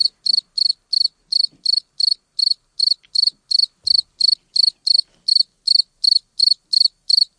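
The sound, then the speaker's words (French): A cricket chirps in a steady, evenly spaced rhythm, 23 shrill, high-pitched pulses in eight seconds, loud and clear with no voices and nothing else in the background; recorded at an air temperature of 28 degrees. “Voilà, quand le grillon a été enregistré, il faisait 28 degrés.”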